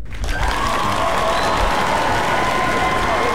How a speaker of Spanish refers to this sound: Y aquí en Radio Disney, pues mira, este aplauso es una ovación de pie para ustedes.